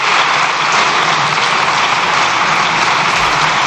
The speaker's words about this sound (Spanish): Se extienden los diputados en el aplauso.